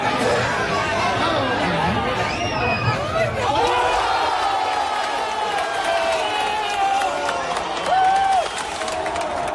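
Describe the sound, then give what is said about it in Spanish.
A loud, dense crowd roars and chatters continuously, with overlapping shouts and excited voices rising above the babble, as fans in bars and restaurants in Compostela cheer Pedro Porro's second-half goal. “La tranquilidad definitiva llegó en la segunda parte con el gol de Pedro Porro, que también se vivía de esta forma tan especial en locales de hostelería de Compostela.”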